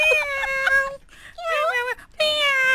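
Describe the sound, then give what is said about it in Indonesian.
Three drawn-out, high-pitched meows in quick succession, fairly loud, each with a wavering, whiny tone and short pauses between them. “Awak nak tengah bercakap dengan kucing awak tu?”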